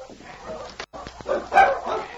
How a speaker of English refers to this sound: Oh, those dogs. What's the matter? There's only one answer. When they bark like that, they are fighting.